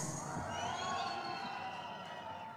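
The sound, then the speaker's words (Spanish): A large live concert crowd at La Maratón del Gallo 2026, a Radioactiva radio event in Plaza Central, roars with sustained cheering, whoops and applause, a dense wall of many voices and clapping that stays loud and steady throughout. “Muchas gracias, que el aplauso sea para ustedes.”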